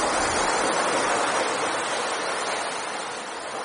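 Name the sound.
sea waves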